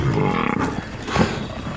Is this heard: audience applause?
no